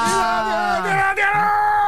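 Loud, sustained yelling and whooping fills the whole two seconds, energetic, with the pitch rising and falling as voices cheer without any clear words.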